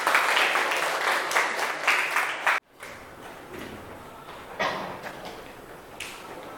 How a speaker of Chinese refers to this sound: 好，来，农民组非常的积极，让我们掌声欢迎农民小组。